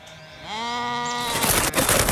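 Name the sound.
sheep bleating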